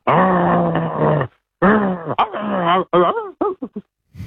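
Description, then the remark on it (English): A person does an animal impression of a growling dog, a long, steady, throaty growl, then a run of shorter growls that rise and fall in pitch, loud with no talking. “It's obviously a dog. Well, yeah, it is. Correct.”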